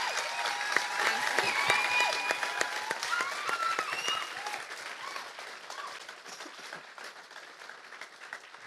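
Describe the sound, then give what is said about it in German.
An audience applauds the whole organizing team with dense, sustained clapping that stays strong for about four seconds, then gradually thins and softens. A few voices and cheers rise faintly within the clapping. “Das hat, glaube ich, einen Applaus verdient, das ganze Team.”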